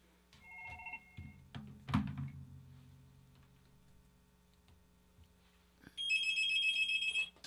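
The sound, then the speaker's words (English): A telephone rings with a bright, electronic warble, one loud sustained burst near the end, preceded by a couple of short beeping tones and a dull clunk; an incoming caller to a live radio call-in program. “Okay, there comes a phone call.”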